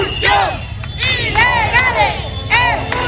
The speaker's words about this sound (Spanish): Ahora mismo aquí todo el mundo está gritando consignas al resto de ciudadanos ceutíes. Les dicen no nos mires, únete. Hay gente en los coches parada, que toca el claxon, que saca el móvil, que se pone a grabar. Muchos de ellos les jalean.